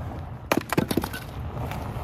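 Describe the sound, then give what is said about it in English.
Burning maple wood crackles in a quick cluster of five or six sharp, snapping pops, then settles back into a low, steady hiss with only a faint tick or two. “Talk about crackle.”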